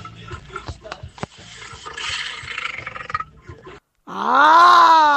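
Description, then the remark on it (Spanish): A child imitates a lion's roar with a loud, drawn-out growling cry that rises and falls in pitch. It follows several seconds of jumbled rustling and clatter and a brief silence. “Che, me dio miedo ese rugido.”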